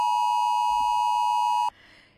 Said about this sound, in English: Now, we're checking in where you were and what happened for you at 2 p.m. yesterday when this sound, if your phone connected properly to the National Emergency Alert System, if you heard this sound through your phone.